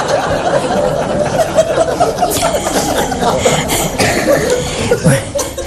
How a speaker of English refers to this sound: This is the signal for a cough.